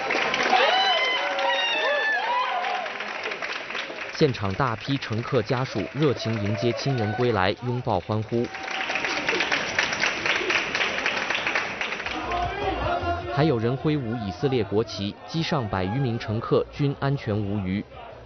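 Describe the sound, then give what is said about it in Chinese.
A lively crowd of passengers' families cheers and calls out while welcoming and hugging arriving relatives at Ben Gurion International Airport in Tel Aviv, Israel, some waving Israeli flags, with scattered clapping and excited voices overlapping, the noisy commotion continuing loudly throughout. “现场大批乘客家属热情迎接亲人归来，拥抱欢呼，还有人挥舞以色列国旗”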